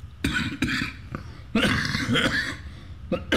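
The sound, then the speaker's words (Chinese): A 65-year-old man coughs repeatedly and harshly during an interview: two quick coughs, then a longer rough, wheezy coughing fit, and a final cough at the end, with no speech. “身体状况一天比一天衰弱，受访时常常说没几句话就不断的咳嗽。”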